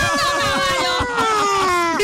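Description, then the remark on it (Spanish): A voice imitates an ambulance siren with a reverb effect: one long, steady wail that glides slowly downward in pitch, with crowd murmur faintly underneath. “O sea, la ambulancia como con un rever.”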